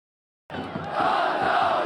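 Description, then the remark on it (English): A stadium crowd of at least 4,000 football fans at a match in Aleppo, Syria, roars and cheers continuously, a dense wash of many voices that starts abruptly after a brief silence and holds steady and loud. “The sound of football fans cheering is universal.”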